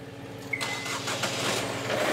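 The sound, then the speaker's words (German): A brief starter whine, then a boat's two new 110 PS engines catch and settle into a steady, loud, rough rumble that holds to the end, in the Hansahafen. No one speaks. “Dann die beiden neuen Motoren.”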